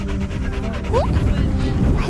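A dog whimpers with a short rising whine and gives a few quick barks, set against a busy, noisy background with a faint murmur of voices.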